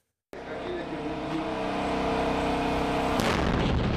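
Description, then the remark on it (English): Explosions from a strike test by one of Unicorn's attack drones in Nigeria, simulating the damage it can do: a sudden loud blast breaks the silence and becomes a sustained roaring rumble, with a second sharp burst near the end. No voices are heard. “One of Unicorn's attack drones simulating the damage it can do.”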